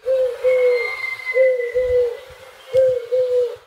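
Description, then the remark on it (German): A pigeon calls in three evenly spaced pairs of low, smooth hooting notes, each pair drawn out and slightly falling, with no one speaking. “Ach, dann ist es die Taube.”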